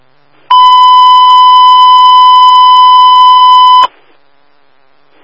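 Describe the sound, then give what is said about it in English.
A single loud, steady electronic dispatch alert tone for Heavy Utility 71, paging a motor vehicle incident at North State Highway 99 westbound and North Freeway, holds for about three seconds, pure and unwavering with bright harmonics, then cuts off abruptly into near silence, with another tone just starting at the end. “Hut 71, you can disregard your tones.”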